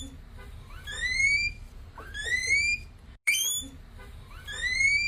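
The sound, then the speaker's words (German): A guinea pig calls with loud, rising whistle-like squeals, repeated three times at steady intervals over a low background rumble, with one abrupt cut partway through. “Nein, es ist trotzdem ein Meerschweinchen.”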